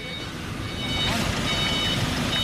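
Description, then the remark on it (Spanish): High, steady reversing beeps ring out from trucks backing up to unload material, layered over a constant rumble of engines and street noise, with faint voices somewhere in the background. “Y esta es la marcha atrás de algunos de esos camiones, junto a los camiones ir y venir constante de Fewich, que por supuesto también nos avisan de su llegada.”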